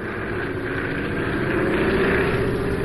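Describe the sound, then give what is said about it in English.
A propeller airplane engine drones loudly and steadily, its pitch rising slightly as it revs toward full power during recovery from a practice stall, with the stick pushed forward and the throttle at full. No voices over it. “Now, Stick forward and full throttle.”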